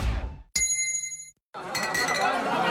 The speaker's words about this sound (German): Und jetzt wieder Trinkpause. Der Gong. Hydration Break.